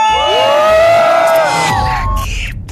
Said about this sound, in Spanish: aquí en todo lo más del Camichín se grita muy fuerte, aquí suena. ¡La Qué Buena! 97.1. ¡Y venga ese grito!